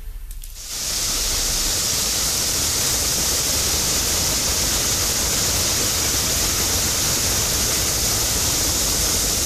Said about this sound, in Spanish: Algo pasó ahí y se originó una enorme fuga, tremenda fuga. Agua de Puebla ignoró la fuga de agua y tuvieron que ir los bomberos. Escuchemos.